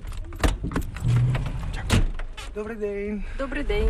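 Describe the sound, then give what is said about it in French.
Inside the cab of a large truck on a driving-licence exam track on the outskirts of Kyiv, a few sharp clicks and a jingle of keys give way to a heavy diesel engine turning over as a woman learner driver starts it, settling into a steady rumble with a humming tone. “c'est parti, Nathalie allume le moteur”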